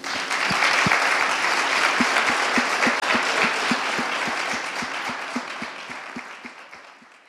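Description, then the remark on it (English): A large audience in an auditorium applauds a group of student poets, a dense wash of clapping with a few sharp individual claps standing out, sustained for several seconds before gradually tapering off. “Let's give our scholar poets one final round of applause.”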